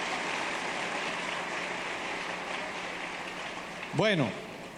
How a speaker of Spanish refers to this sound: Dele un aplauso al Rey de Reyes y Señor de Señores.